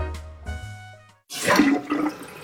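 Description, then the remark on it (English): A low mechanical rumble gives way, after a brief pause, to a loud rush of swirling water as a slow-draining toilet is flushed again, with no one speaking. “Honey, this toilet is still slow. Flush it again. That was the again flush.”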